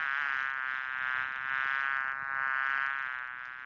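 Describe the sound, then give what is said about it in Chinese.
A dense, continuous drone of many flies buzzing in a restaurant toilet, a steady high-pitched whine that swells and dips slightly throughout, with no voices. “稍后呢，这位局长要上厕所，没料到，哎呦，这厕所里全是苍蝇啊！”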